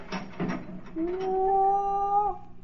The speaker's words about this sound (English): Here comes the Baron now. He's opening the dungeon door.